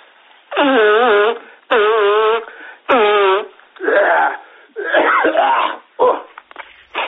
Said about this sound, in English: Hold on a minute, man. Just let me blow my nose, eh?